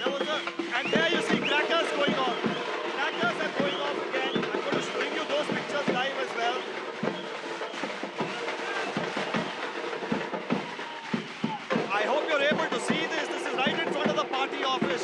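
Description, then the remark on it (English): A dense, jubilant crowd, gathered in huge numbers to celebrate ahead of an oath-taking ceremony, fills the whole stretch: many overlapping voices shouting, chattering and cheering at a steady, loud level, with scattered sharp claps and bumps throughout. “It's absolutely ecstatic scenes. And I'm just going to let this ambience flow for a bit more and take you a little closer.”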